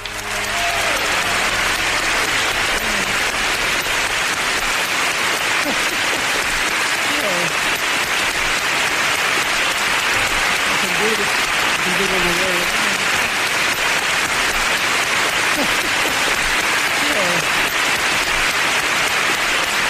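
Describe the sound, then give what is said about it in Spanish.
Sustained applause from a large audience for Charlie Chaplin, a dense, steady wash of clapping that holds at full strength for the whole stretch, with faint voices and cheers murmuring underneath. “Pero sí que vamos a escuchar un poquito del aplauso y lo que dijo Chaplin.”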